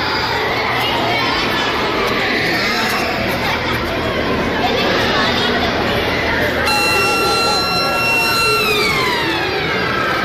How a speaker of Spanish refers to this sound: Ha sido la primera sirena del curso, la que ha marcado el arranque de este curso 26-27, que hoy ha empezado para la mayoría de nuestros chiques.